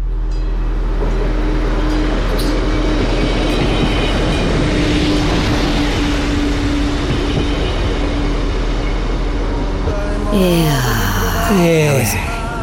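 A train rolls steadily along the rails with a loud, continuous rumble and a low droning hum; near the end, high squealing tones slide downward over the noise.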